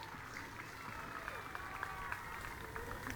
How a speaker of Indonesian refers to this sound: Tepuk tangan untuk para seniman kita.